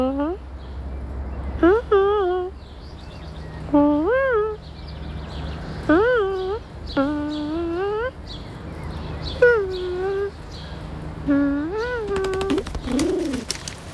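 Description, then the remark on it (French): A voice imitates pigeon cooing with about eight rising, throaty coos at steady intervals of roughly two seconds. Each coo is fairly loud, and a low hum runs underneath. “Oh, un pigeon vient de s'installer à côté de mon doudou. Il roucoule.”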